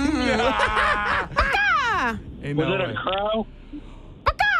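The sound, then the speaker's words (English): A human voice imitates a parakeet call with a few loud, raspy squawks in quick bursts, ending with a brief pause and a short click. “Oreo, what sound were we trying to do? That was a parakeet.”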